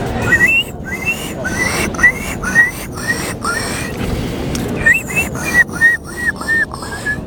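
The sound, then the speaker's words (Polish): A contestant in a bird-call imitation contest imitates a gull with a rapid series of short, high squealing cries, pausing briefly before a second run of similar calls, all over a steady background hiss. “To była mewa, tak.”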